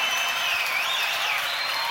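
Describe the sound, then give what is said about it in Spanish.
Loud, steady audience applause for a murga band, a dense wash of clapping from a sizable crowd with bright hissy texture and no pauses, continuous throughout. “Fuerte el aplauso para toda la banda”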